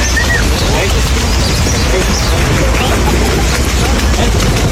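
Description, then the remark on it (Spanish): A fan gives a brief, rising-and-falling whistle to call someone right at the start, cutting through a constant, loud wash of crowd noise and murmuring voices from fans that fills the whole clip. “Ahí pues al principio se escucha el chiflido.”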